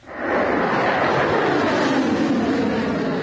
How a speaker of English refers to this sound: A missile shoots into the sky, leaving a long white tail behind. Seconds pass very slowly.